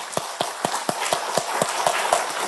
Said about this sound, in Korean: 그 놀랍고 놀라운 일을 이루어주신 우리 예수님께 영광의 박수, 감사의 박수 한번 같이 올려드리겠습니다.